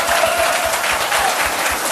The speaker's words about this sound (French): Voilà, vous entendez les applaudissements.